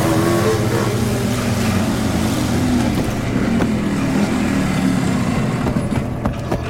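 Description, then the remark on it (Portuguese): A motorcycle engine rumbles steadily and loudly throughout, a low throaty drone with shifting tones as a motorcyclist rolls in to a kiosk and idles. No one speaks. “Olha preocupada em direção ao barulho e espia de dentro da banca. Motoqueiro chega.”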